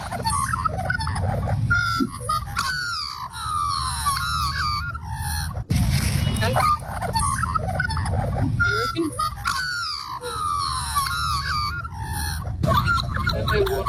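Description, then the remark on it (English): An Australian magpie carols loudly, a continuous run of rich, warbling, gurgling notes with overlapping sweeps, set over a steady low background rumble. “Yes, it is a magpie.”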